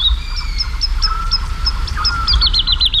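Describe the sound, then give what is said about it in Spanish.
A woodlark sings at dawn, around 5 a.m. on a full-moon night, flying high and fluttering over the fields of Daimiel, Spain, in a clear, fluting series of repeated high notes that speed into a rippling trill, set against a low, steady background rumble with no talking. “hacia las 5 y pico de la mañana, una noche de luna llena, en el cielo, colgada en el aire, hay cantando una totobía, la alondra de bosque.”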